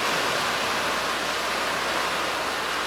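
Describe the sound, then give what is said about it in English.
Loud, steady rushing of the fast-flowing Bow River through the town of Banff, Alberta, filled by heavy rain and runoff from melting mountain snowpack; a dense continuous roar that fills the scene without pause, with no voices. “Tiger dams and sandbags have been put out as a precaution, and tourists and residents are being warned to stay well back of the rushing river.”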